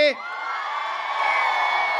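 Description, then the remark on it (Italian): A festival crowd at the 105 Summer Festival erupts in loud, sustained cheering and high-pitched shouting, a dense roar of many voices that swells and holds steady for about two seconds. “Voglio sentire la prima fila al mio 3 che dà l'energia fino là in fondo.”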